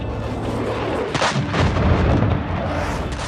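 Heavy, explosion-like booms from F-16 fighter jets flying extremely low over Istanbul and Ankara, Turkey: a pair of sharp blasts roughly a third of a second apart, then a sustained deep rumble that stays loud throughout.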